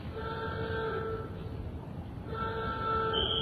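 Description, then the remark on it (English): A loud warning alarm sounds ahead of a blast to demolish a factory chimney, in two long, steady tonal blasts separated by a short pause, droning over constant low rumbling background noise. “Sound the alarm.”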